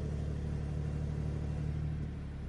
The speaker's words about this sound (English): Listen to that. There's actually actually zero... zero starting up. It just spins the car up straight away and starts the engine, and then you get that great sports exhaust as well.